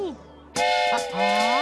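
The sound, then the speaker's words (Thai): A loud, sustained train whistle toot bursts in abruptly partway through and holds to the end, with voices talking before and beneath it. “นี่ครับรถไฟ”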